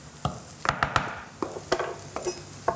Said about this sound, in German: Und jetzt kommt dieser dicke Mehl-Eierbrei in die Pfanne. So, nimmst du mal den Kochlöffel bitte raus.